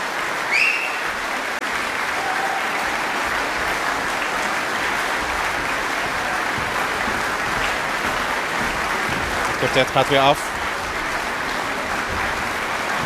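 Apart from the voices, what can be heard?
concert audience applause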